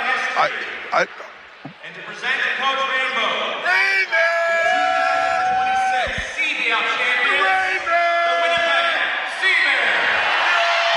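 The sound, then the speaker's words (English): A big arena crowd roars and whoops continuously while a few sharp, booming pops from confetti cannons firing gold streamers and confetti burst out, one early and one midway, beneath the cheering and shouting voices, as the team gets the trophy. “And there's the cannons go off with the gold streamers and confetti as they get the trophy.”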